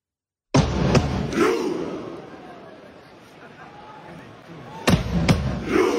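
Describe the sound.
A crowd of Norway fans roars in unison over sharp drum beats from a fan leader drumming while Norway warms up, then settles into a lingering low murmur before another burst of drum hits and shouting voices rises again.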